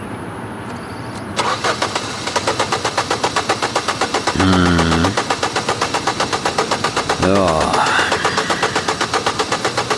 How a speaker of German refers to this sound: Sehen Sie, der Anlasser geht, aber der Motor kommt nicht.